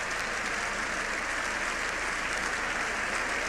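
Sustained applause from deputies in Congress giving the Pope a standing ovation, now in its sixth minute, with renewed shouts of "viva el Papa"; a dense, steady roar of clapping that holds at an even, loud level throughout without any break.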